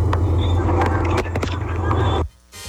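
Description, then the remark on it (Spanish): A car engine in slow traffic at the traffic light on Avenida del Malecón at Calle 15 rumbles steadily, a low droning hum with scattered clicks and knocks, then cuts off abruptly just before the end, leaving near silence. “Envían solamente el sonido del carro.”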